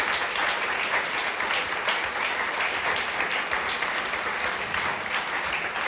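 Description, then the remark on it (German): Sustained applause from a live audience for the guest, a dense steady patter of many hands clapping at even volume for several seconds, with no voices standing out. “Großen Applaus nochmal für unseren Gast.”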